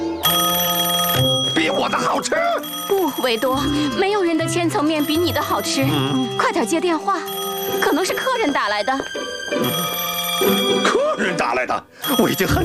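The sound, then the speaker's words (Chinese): A telephone bell rings in repeated bursts at Vito's pizza shop, loud, while several voices talk animatedly over and between the rings. “快点接电话， 可能是客人打来的。”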